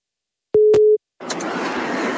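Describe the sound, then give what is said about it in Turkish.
A phone line's ringback tone sounds once while a call is being placed, a short, steady electronic beep with clicks at its edges, followed by a stretch of continuous line hiss. “Alo. Çalıyor mu bu da? Yok. Şimdi çalıyor.”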